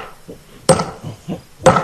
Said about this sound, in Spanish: Un video muestra al diputado ultraderechista Zvi Sukot de la Knesset, o sea, el parlamento israelí. Destruyendo a martillazos un monumento de a los mártires palestinos en una aldea de Cisjordania.